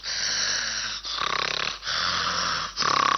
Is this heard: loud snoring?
yes